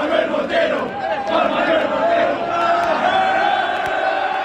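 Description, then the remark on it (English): A large stadium crowd of soccer fans at a World Cup game in Arlington, Texas, chants in unison at the end of the game, a steady roaring wave of many voices repeating an Argentinian fan's name with rhythmic emphasis, loud and sustained throughout, to help him get his lost wallet back. “But fellow fans helped him get it back, chanting his name in the crowd at the end of the game.”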